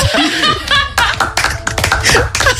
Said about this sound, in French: Faut l'applaudir quand même.